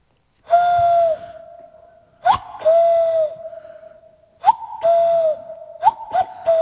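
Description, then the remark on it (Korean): In a studio, a voice or whistle imitates a male cuckoo calling for its mate with hooting calls: several sustained, steady tones, each often led by a quick rising chirp, repeated in a loose rhythm with short pauses between. “6월이 다 갔는데 이 여름, 이 6월에 깊은 산속에 사는 뻐꾸기들 자신의 짝을 찾기 위해 먼 길을 떠납니다.”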